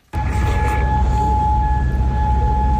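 A loud air raid siren in Kuwait holds a steady, sustained tone at night over a low rumble of background noise, starting abruptly and continuing without pause. No one speaks.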